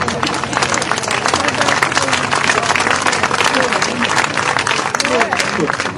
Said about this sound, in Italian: gli facciamo anche un doppio applauso perché è un neo papà che lui, e quindi un abbraccio.